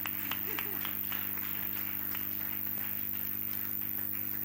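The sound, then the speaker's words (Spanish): A church audience applauds the drummer on his birthday in a steady, dense patter of many hands clapping at once, fairly soft and even throughout, with a low constant hum beneath and no one speaking. “un aplauso para el batería.”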